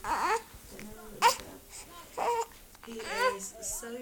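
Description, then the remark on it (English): A 10-day-old newborn baby boy babbles and whimpers in a few short, soft bursts with brief pauses between them, held by his mother in a quiet bedroom of an old stone home in Nablus. “a bedroom where 21-year-old Ragid Al-Shami holds her newborn baby boy, …, just 10 days old”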